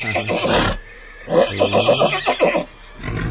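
A horse whinnies loudly, a long wavering neigh with rapid pulsing bursts after a short breathy snort at the start, then quiet rustling.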